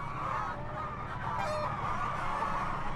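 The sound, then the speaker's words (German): A dense, steady chorus of chickens in a mobile chicken coop clucking and squawking together, many overlapping calls forming a continuous mid-pitched babble with no pauses and no talking. “Die Hühner laufen auf so einem Boden, der so”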